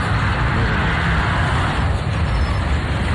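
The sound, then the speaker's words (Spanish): Heavy trucks and other vehicles rumble past in a continuous stream on the road from Santiago to Navarrete, before the toll, a loud, steady low-frequency roar of engines and tires with no pauses. “Más camiones. Literalmente un desfile de camiones y vehículos.”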